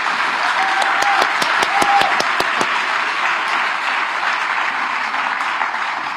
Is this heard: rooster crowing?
no